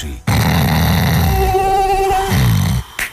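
A thin, wavering whine like a mosquito buzzing hovers for about a second, surrounded by a low, rough droning rumble that starts abruptly and cuts off before a short final burst.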